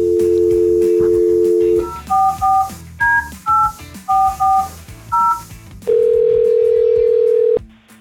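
A steady telephone dial tone hums, then gives way to a quick run of paired touch-tone beeps as a number is punched in to call a man at work, followed by a ringback tone. Clear, with no talking.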